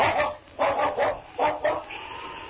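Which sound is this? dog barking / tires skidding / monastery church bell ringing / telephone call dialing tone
dog barking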